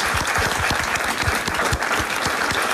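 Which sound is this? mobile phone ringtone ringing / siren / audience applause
audience applause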